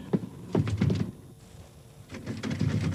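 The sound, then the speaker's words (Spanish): A locked door is tried repeatedly, its handle rattling as the door thuds heavily against the frame in several bursts, with a brief lull in the middle. “¿Quién cerró esta puerta con llave?”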